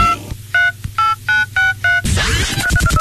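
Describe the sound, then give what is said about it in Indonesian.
A run of five short mobile phone keypad tones, evenly spaced, as a person keeps using a mobile phone, followed by a dense wash of busier electronic noise with faint beeping. “Kau ni dari tadi asyik main handphone je.”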